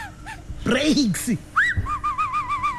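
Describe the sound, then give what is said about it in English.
A person whistles in surprise at the cost of an oil change service, in a Volkswagen vehicle plan advert: a quick rising whistle, then a long wavering tone that dips and rises several times. A short vocal murmur comes just before it. “That whistle is the sound of a bull you didn't budget for.”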